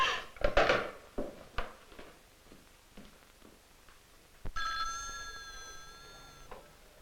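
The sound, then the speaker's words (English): A telephone bell rings steadily for about two seconds, clear, after a few scattered clatters and knocks. No one speaks. “Would you take this call, please, Miss Walker?”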